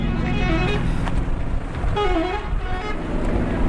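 A bus idles amid steady, loud street traffic in Aleppo, Syria, as families get off it: a constant engine rumble with brief vehicle horn toots rising midway, and faint voices blending into the background noise.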